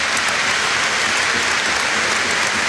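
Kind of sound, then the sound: crowd, stadium crowd applauding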